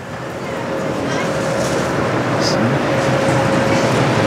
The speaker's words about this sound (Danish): Man kan bare høre, der er bål på derinde, mand.